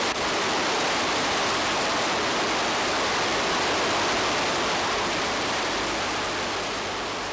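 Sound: rushing river rapids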